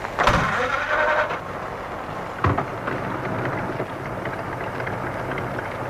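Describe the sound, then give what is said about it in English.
A car engine cranks and catches near the start, then idles beneath a steady hiss of rain, with a single dull thump partway through. No one speaks. “The light of a car coming down the drive. Time to start up, I think.”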